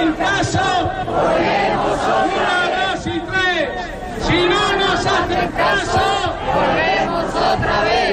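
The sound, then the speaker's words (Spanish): A large protest crowd of workers and users chants and shouts together at midday in the Puerta del Sol, Madrid, demanding that implementation of the dependency law be guaranteed. Many voices merge into a loud, continuous roar with rising and falling rhythmic surges throughout. “Trabajadores y usuarios han acudido este mediodía a la Puerta del Sol para reivindicar que se garantice la implantación de la ley de dependencia.”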